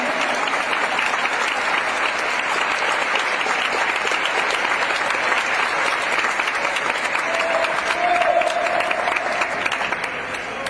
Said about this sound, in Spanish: Denle aplauso de veras al Señor Jesucristo. Él es digno de alabanza.